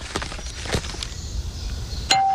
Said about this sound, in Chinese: 爸爸，有人按门铃。 儿子，你去开门，可能是快递。